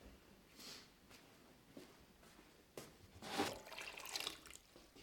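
Water is poured into a cooking pot of fish, enough to cover the fish by one or two fingers: a few small splashes and clinks, then a steady, fairly quiet pour lasting a couple of seconds. No one speaks.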